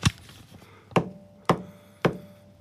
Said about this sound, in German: Ja, dieses Ding, das ihr hört, das ist die Regentrommel.